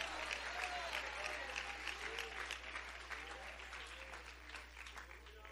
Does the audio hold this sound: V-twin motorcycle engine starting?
no